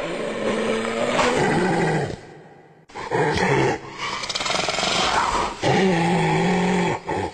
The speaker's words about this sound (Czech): Hyena. Ne, nemyslím bezcitný člověk, myslím hyena zvíře. Řve sice ošklivě a taky tak vypadá, ale jinak je to velmi zajímavý tvor.